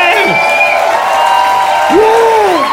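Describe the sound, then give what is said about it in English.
A crowd in Asheville claps steadily and loudly for comedian Joe Zimmerman throughout, with whoops and cheering voices rising and falling over the dense wash of applause. No one speaks. “You're still clapping?”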